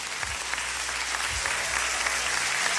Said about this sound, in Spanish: ¿Cuántos alaban al Señor? ¡Denle un fuerte aplauso!